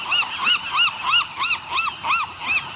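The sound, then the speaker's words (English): A Western Gull calls in a steady, rhythmic series of about eight loud, nasal, arching cries, without any talking. “But one Western Gull's devotion to trash reached a new level with an epic road trip.”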